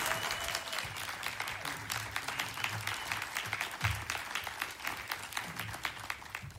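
A crowd applauds steadily, a dense wash of many hands clapping at once with sharp individual claps poking through, holding a fairly even level throughout with faint murmurs of voices underneath.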